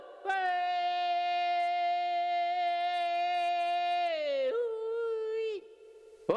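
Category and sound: human body sound, person crying and whimpering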